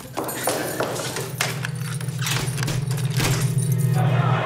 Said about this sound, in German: Nehmen Sie den Schlüssel. Tür abschließen.